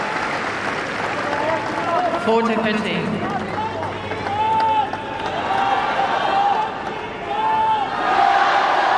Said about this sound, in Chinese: 听到了在菲利普萨迪亚球场观众们给郑钦文的加油声。